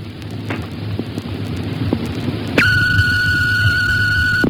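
Water gushes and hisses steadily from a burst hot water system in a house in Barara Heights, flooding the house, a constant rushing roar, joined about halfway through by a sustained high-pitched whistling whine.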